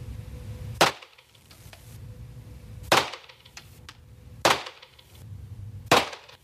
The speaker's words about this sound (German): Und apropos, wenn ich jetzt dann schieße, habe ich übrigens nicht so schnell geschossen, wie es sich anhört. Die Schüsse waren ein bisschen weiter auseinander.